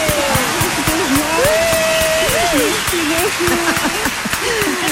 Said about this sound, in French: permets-moi double applaudissement parce que c'est la première fois de